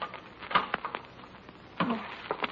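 A wooden cabinet holding a metal container of medicine drops is opened, with a handful of sharp knocks and clacks, a soft scrape between them, and a louder clunk near the end. No one speaks.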